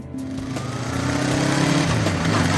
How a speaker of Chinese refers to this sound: 骑着摩托车踏遍了无量山。